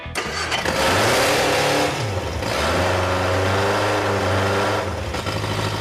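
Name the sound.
car engine revving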